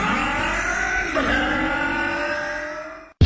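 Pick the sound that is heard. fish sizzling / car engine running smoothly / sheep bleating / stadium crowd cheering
car engine running smoothly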